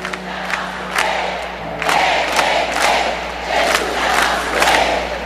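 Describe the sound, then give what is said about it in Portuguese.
A large crowd shouts a rhythmic chant of "Rei" ("king"), loud repeated one-syllable cries landing on a steady beat about twice a second over a continuous roar of voices. “Grita isso.”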